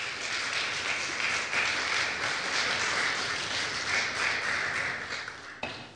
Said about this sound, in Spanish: Un aplauso poderoso al Señor, por favor.